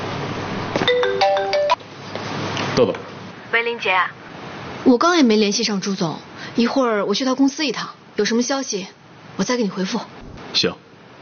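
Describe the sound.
A mobile phone ringtone chirps a bright electronic melody for about two seconds, clear, announcing an incoming call, then stops as voices begin talking back and forth.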